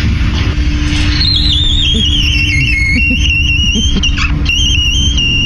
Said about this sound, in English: But people have been sending us their squeaky doors too, which we just love.